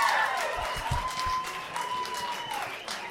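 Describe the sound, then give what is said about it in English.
Women in the audience applaud in answer to a question about who likes ladies' night out: scattered applause with a few whoops and cheers rising over it, steady clapping throughout at moderate loudness. “Women, by round of applause, who likes it when it's ladies' night out, when you leave the twig and berries behind for the night?”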